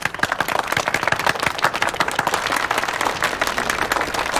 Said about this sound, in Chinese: 鼓掌。